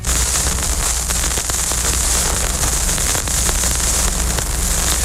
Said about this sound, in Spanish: Así suena un vinilo cuando colocamos la aguja encima antes de que empiece la música.